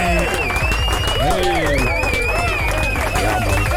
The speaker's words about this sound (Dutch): Nogmaals, dames en heren, geef de man een grote vibes applaus.